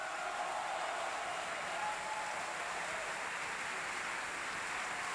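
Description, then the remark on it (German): Sustained applause from an opera audience cheering for Sigi Dai as Zerbinetta, a dense, steady wash of clapping with cheering mixed in, holding at an even loudness throughout without pause. “Jubel für Sigi Dai als Zerbinetta.”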